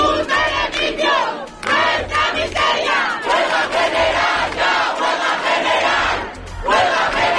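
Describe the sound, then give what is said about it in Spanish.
A large protest crowd, camped for days in Puerta del Sol, shouts and roars continuously at the doors of Spain's Congress while following a parliamentary vote, many voices overlapping into a loud, dense wall of yelling with brief surges and a short dip near the end. “La multitud que llevaba días acampados en la Puerta del Sol seguían minuto a minuto de la votación a las puertas del Congreso.”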